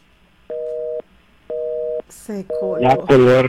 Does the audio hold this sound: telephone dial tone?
yes